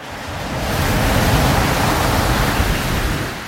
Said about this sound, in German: Ich wollte über alles noch einmal nachdenken und ging zum Strand runter. Das Rauschen und der Geruch des Meeres zogen mich magisch an. Die heranrollenden Wellen wirkten als beruhigender Klangteppich.